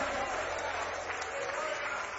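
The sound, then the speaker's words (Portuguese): A church audience claps their hands in praise to God in a dense, steady wash of applause that stays loud and even for a couple of seconds, with a murmur of voices mixed underneath. “Palmas de glória a Deus, igreja.”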